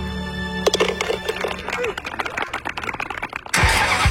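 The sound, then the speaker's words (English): A car engine cranks with a few quick churning turns, catches, and roars into a loud rev before the sound gives way to a steady rushing noise. “Spring is here, and it's time to wake up your ride.”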